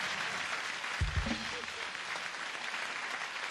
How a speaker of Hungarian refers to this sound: Tapsoljuk meg a hölgyet, nem?